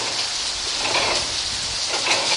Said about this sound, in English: When you're at the mill, don't just look to see. Listen to the sounds of the mill. Outside, there's the sound of the water from the mill race running over the wheel.